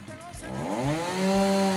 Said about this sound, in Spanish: Te vamos a tirar de la motosierra, ¿ah? ¿Eh?